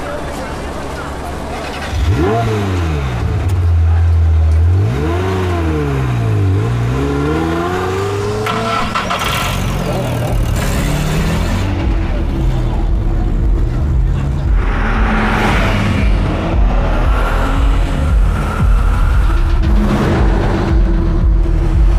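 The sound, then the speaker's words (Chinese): The engine of an old, battered car with a newly replaced engine revs hard in a few rising and falling sweeps, then settles into a loud, steady roar as the vehicle accelerates away, continuous to the end. “别看这车破，发动机可是新换的，坐稳喽。”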